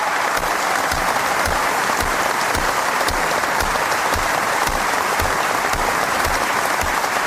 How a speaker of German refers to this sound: Das Publikum in der Messehalle erhob sich und belohnte Milan Ude mit lang anhaltendem Beifall.